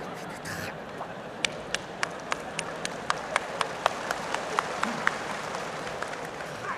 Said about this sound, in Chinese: 还鼓掌，上来俩有劲儿的小伙子，把他轰下去。